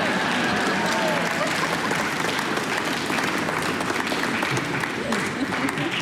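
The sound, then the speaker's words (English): Steady, dense applause from an audience between symphony movements fills the whole stretch, a continuous crackle of many hands clapping at an even, fairly loud level with a faint murmur of voices underneath. “It's okay to clap between movements.”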